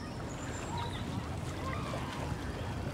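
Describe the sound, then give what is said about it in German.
A steady low rumble of a boat moving on water during water rescue dog training, a dummy being thrown from it into the water, with continuous washing noise throughout and faint high calls of waterfowl. “Manni soll eine Puppe an Land bringen, die von einem Boot aus ins Wasser geworfen wird.”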